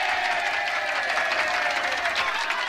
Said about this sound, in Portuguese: Não, por favor, gente, aplausos aqui, aplausos aqui.